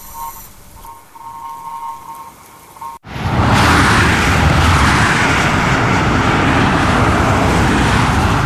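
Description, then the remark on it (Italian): After a few seconds of quiet humming, a loud, steady roar of road traffic cuts in abruptly and continues to the end, cars speeding past on a newly opened road almost free of roadworks, near the Prato Sardo tunnel. “Le auto sfrecciano, sfruttano la maggiore scorrevolezza di una strada fresca di inaugurazione quasi priva di cantieri, galleria di Prato Sardo a parte.”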